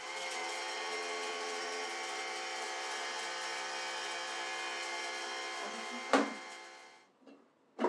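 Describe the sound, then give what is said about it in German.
A kitchen blender whirs loudly and steadily for about six seconds, ends with a sharp clunk, then winds down to quiet with a brief rattle afterward. No talking. “So, das machen wir jetzt erstmal, das schmeißen wir hier rein in den Mixer.”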